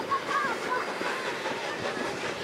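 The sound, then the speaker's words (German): A steam locomotive rumbles steadily along the rails in South Africa, a continuous hissing roar with a few brief high squeals near the start and no clear pauses. “Obwohl es bei der SAR noch bis in die 90er Jahre Dampfbetrieb gab, ist mittlerweile eine Dampflok auch in Südafrika eine Seltenheit.”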